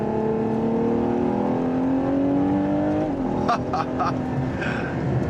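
A Ferrari sports car engine (725 hp, 716 Nm) revs hard and loud up to 8000 rpm, its pitch climbing steadily for about three seconds before a quick shift of its rear-mounted 8-speed automatic gearbox, then continuing to roar with a few sharp crackling bursts.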